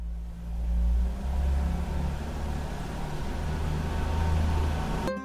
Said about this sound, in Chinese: 我下去热热车。冬天气温较低，我得先打着火，让车在原地工作3到5分钟，这样能让汽车内部的润滑油与机械零件还有发动机更好的磨合，才不会损伤汽车。